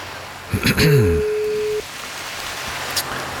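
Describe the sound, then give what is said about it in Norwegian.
A single steady telephone ringback tone sounds for about a second as a radio show calls a listener live, a flat electronic beep over a faint hissing line, briefly overlapping a short bit of voice at its start. “Ja, det ringer.”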